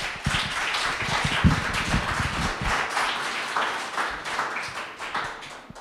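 Sustained applause from an audience at a poetry slam, welcoming the next performer, a dense crackle of many hands clapping at a steady level for several seconds with no voices.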